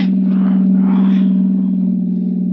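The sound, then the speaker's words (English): A car engine drones steadily, a loud, sustained low hum with a slight rise and surge in the middle, like a vehicle cruising under load. “Just pull the car to a stop, and don't reach for your gun.”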